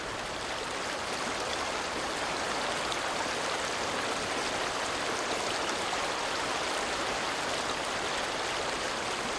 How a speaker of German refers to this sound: Komm. Wir setzen uns und beobachten den Fluss.